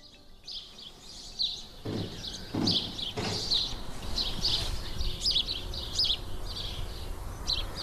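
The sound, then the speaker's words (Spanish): Birds trill and chirp in quick, repeated bursts throughout, steady, in full spring activity on a cold day, with a few dull thuds in the background early on and no talking. “Bueno, pues a pesar del frío, los pájaros y los perros, trinan y los perros ladran, pues están en plena actividad primaveral.”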